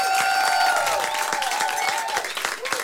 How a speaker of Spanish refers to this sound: Otro, no, que no se detenga ese aplauso porque sigue Leo de Francisco en trompeta.